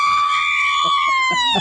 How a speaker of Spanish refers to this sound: A ver, un grito mexicano.